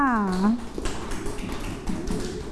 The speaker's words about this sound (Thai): เก่งมากค่ะปรบมือให้ตนเองค่ะ